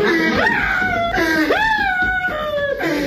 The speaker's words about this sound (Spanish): Ahí está llorando el vato.